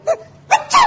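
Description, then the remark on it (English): A voice acts out a Martian's sneeze, set off by goose feathers: two quick, sharp intakes followed by a longer, strained, voiced burst at the end. “Why, he has sneezed himself to death.”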